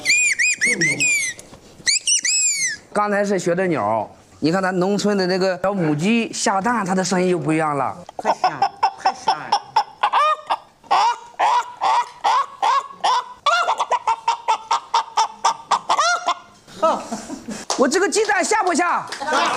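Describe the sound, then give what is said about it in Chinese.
A person mimics birdsong with their voice as a performance for people eating a meal in a village, producing loud warbling whistles and sliding chirps that break into long runs of rapid, trilling notes. “刚才是学的鸟”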